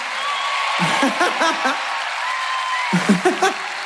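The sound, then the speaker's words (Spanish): A steady wash of audience applause fills the space, loud and continuous, while a voice calls out in two short bursts over the clapping. “¡Los aplausos! ¡Fuerte el aplauso para qué personaje, che!”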